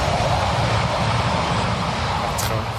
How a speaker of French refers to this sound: On pourra couper, il n'y a pas de souci, le train. On pourra garder le train parce qu'il faut savoir qu'il y a des trains qui passent très régulièrement juste à côté du camp. Ils sont vraiment juste à côté.